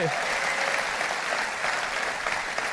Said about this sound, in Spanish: Vamos, si le vas a dar un aplauso, dáselo más fuerte.